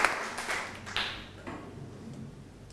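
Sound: students clapping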